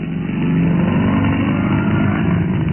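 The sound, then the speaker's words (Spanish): A modern sports car engine drones steadily and loudly, a constant low rumble with a slight rattling texture, holding its pitch throughout with no voices, as Calimán drives it along a narrow, dusty, lonely dirt road at night in dense fog after a storm. “Tiempo después, la tormenta había cesado y Calimán conducía hábilmente el moderno auto Sport por aquel camino polvoso y solitario.”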